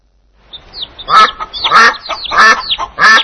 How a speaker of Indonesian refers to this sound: Suara apakah itu? Itu suara bebek. Bebek.